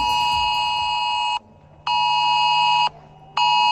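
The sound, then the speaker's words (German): A loud, harsh electronic alert tone blares in long on-off bursts, the steady multi-pitched blast of a mobile phone's emergency warning signal sounding at 11 a.m. during Germany's nationwide warning day test, with brief silent gaps between pulses and no voices. “So klingt morgen 11 Uhr zum Beispiel euer Handy.”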